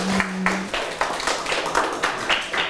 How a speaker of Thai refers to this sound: อ่ะปรบมือเพื่อนเพื่อนหน่อยครับเก่งมากๆเลยครับ